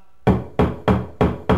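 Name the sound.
knocking on a door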